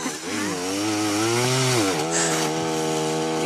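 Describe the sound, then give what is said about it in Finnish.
A chainsaw cuts into wood, its steady roar dipping in pitch and straining as the blade bogs down because the operator pushes the saw too hard, then recovering. “Miksi se leikkaa tolleen kiinni? Miksi se vähän välillä. Niin se vähän työntää sitä sahaa liikaa sinne.”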